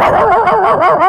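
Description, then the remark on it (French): A person doing mouth sound effects imitates a dog with a quick, continuous run of yapping, bark-like sounds, loud, rising and falling in pitch for about a second. “C'est-à-dire, je refais tout ce que je veux avec ma bouche. Regarde, attention. Un chien.”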